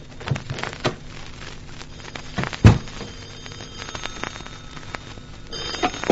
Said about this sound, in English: I could hear the phone ringing inside, and I opened the door in a hurry.